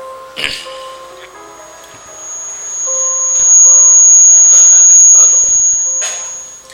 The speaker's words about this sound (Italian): Io vorrei sapere da dove viene fuori sto fischio maledetto.